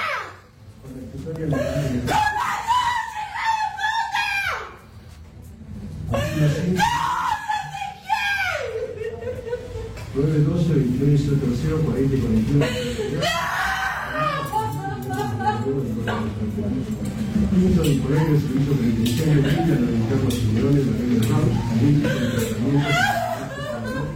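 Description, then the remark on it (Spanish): In a courtroom as a life sentence is read, a woman, the mother, screams and shouts at her former partner, her cries rising above a loud uproar of other agitated voices that continues without pause throughout. “Al leerse la sentencia, esto es lo que trasuntaba el sonido ambiente de la sala.”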